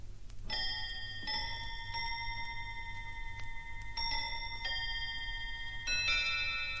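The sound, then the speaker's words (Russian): A table clock chimes 7:45, ringing about five bright, sustained bell tones in uneven pairs, each note lingering and overlapping the next, over a low steady hum with no one speaking. “Между тем столовые часы пробили 7:45”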